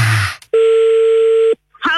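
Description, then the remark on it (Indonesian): A telephone line tone plays as a call is placed again: one steady, clear electronic hum lasting about a second, loud, with brief bursts of noise just before and after it. “Kita coba lagi telepon.”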